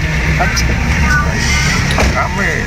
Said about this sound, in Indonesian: Yang bis ngetem satu bis ini N72982 UV Maju Sejahtera Mandiri.